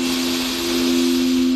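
A long, steady breath drawn in during a Nordea home-loan advertisement, heard as an even airy hiss that holds for over a second, with a low steady hum running underneath.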